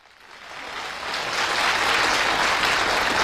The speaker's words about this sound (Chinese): 潘长江本色出演，动作搞笑到位，逗趣的表现引来掌声不断。